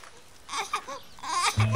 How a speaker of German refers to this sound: Was schreit denn da so? Das hört sich an wie ein Säugling. Wo soll denn da plötzlich ein Säugling herkommen? Es wird ein Has sein.